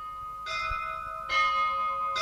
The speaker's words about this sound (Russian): Вы слышите колокола? Похоже, что они зовут меня.